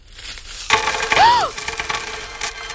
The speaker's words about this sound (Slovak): Veď sa mi z vankúša mince sypú. Ja na peniazoch líham. Na samých peniazoch spím. A koľko ich len je.